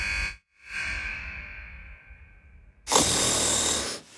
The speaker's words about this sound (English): Is snoring keeping your house awake? It might be time to check for sleep apnea.